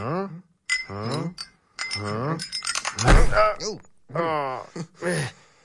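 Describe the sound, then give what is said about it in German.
A small bell jingles in a brief bright metallic burst midway, surrounded by drawn-out, wavering vocal sounds that rise and fall in pitch. “Da bimmelt was.”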